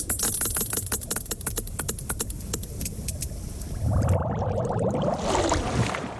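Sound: sperm whale echolocation clicks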